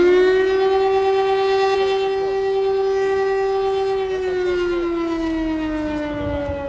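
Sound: air raid siren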